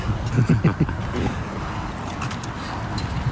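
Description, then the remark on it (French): Strong wind roars steadily outdoors beside a road, a low, rumbling buffet across the microphone with a broad hiss on top; a brief murmur of voice surfaces near the start. “Alors on se trouve ici juste à côté de la route, on est à l'extérieur, il y a beaucoup de vent.”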